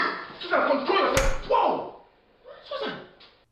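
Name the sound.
slap across the face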